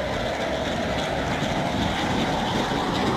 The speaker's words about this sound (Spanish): Aviones de combate de la FAC sobrevuelan los cielos y la policía desde el aire vigila las playas y carreteras.